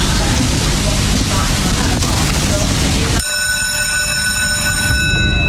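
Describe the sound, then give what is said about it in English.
A mechanical greyhound hare runs along its rail at the start of race 7 at Dunstall Park: a loud rushing rumble gives way to a steady, high-pitched electric whine that holds continuous to the end. “So the hare is on the move for race 7 at Dunstall Park.”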